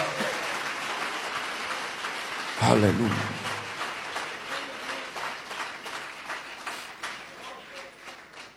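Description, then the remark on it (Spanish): An audience applauds steadily throughout in praise of Jesus of Nazareth, a dense wash of many hands clapping, while a voice briefly calls out over the applause partway through. “Dele ese aplauso de alabanza a Jesús de Nazaret.”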